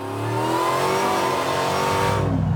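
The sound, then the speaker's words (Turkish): A long automatic car's engine revs hard at full throttle, its pitch climbing steadily as it accelerates, loud with a sustained roar and no one talking. “Tam gaz deneyelim.”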